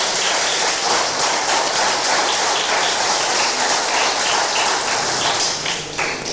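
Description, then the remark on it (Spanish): An audience applauds loudly, a dense, steady wash of many hands clapping together that holds for several seconds with no voices over it. “Dale un fuerte aplauso, hermano, hermana.”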